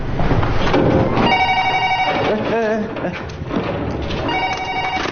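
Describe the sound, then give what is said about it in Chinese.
A telephone bell rings in two loud, buzzing bursts separated by a short pause, over a noisy background of indistinct voices and clatter. “哎，你电话还用不用？”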